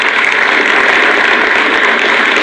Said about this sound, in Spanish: Fuerte aplauso a los dos campeones.